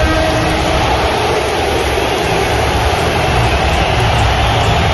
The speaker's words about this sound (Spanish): la ovación de la tarde, vamos a escucharla, se la ha llevado el fichaje estrella del verano del Barça, Rodrigo Hernández.